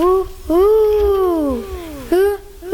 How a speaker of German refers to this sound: Eine Eule. Richtig.